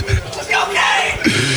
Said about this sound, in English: Teammates shouting him up here in the locker room.